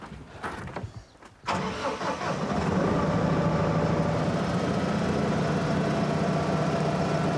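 A tractor's large engine cranks for about a second and a half, catches, and settles into a steady, loud, low-pitched idle that continues without any voices.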